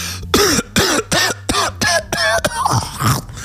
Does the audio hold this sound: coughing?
yes